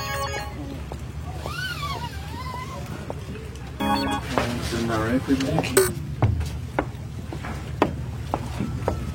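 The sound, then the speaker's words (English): A boat engine rumbles steadily on the water at the docks in the morning, with people talking over it and occasional knocks and clatters. “I'm down on the docks right now, waiting for all these people.”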